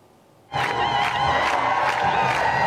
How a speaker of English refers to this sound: Heavy clashes took place over the weekend between the police and thousands of protesters in Genoa as angry crowds protested the gatherings of the world's seven richest countries.